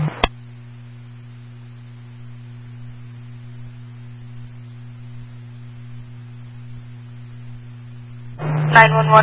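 A long, steady two-pitch fire dispatch paging tone, calling for manpower and a tanker, holds for about eight seconds, loud and unbroken, before a burst of radio voice chatter cuts in at the end.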